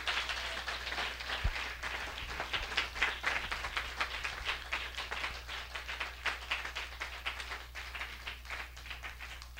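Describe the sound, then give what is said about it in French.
An audience at a worship service applauds heaven together, a steady wash of many hands clapping for nearly ten seconds with no voices over it, holding an even, moderately loud level throughout. “On applaudit ciel là pour ça.”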